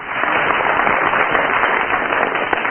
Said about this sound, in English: First of all, will you give your applause or otherwise for Barry Cryer?